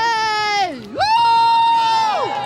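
Children cheer and shout loudly on cue for a crowd-noise check, a sustained, high-pitched roar that swoops down in pitch, jumps back up, holds steady, and then trails off at the end.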